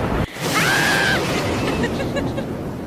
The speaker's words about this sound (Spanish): ¡Ay, no, oigan! ¡Ya está lloviendo! ¡La ropa, oigan! ¡Vayan por la ropa! Ya está lloviendo en varias calles de Tijuana.